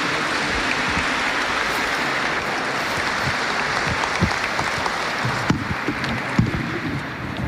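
An audience applauds steadily to welcome a speaker, dense clapping at an even loudness for several seconds with no one speaking over it.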